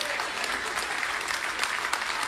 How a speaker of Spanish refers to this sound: Ese aplauso fue de ópera.